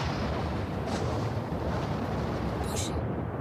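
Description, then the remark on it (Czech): Thunder of a winter storm: a deep, continuous rumble rolls through the whole stretch, heavy in the low end and steady in loudness, with a brief crackling burst near the end. “Zimní bouřka. To nevěstí nic dobrého.”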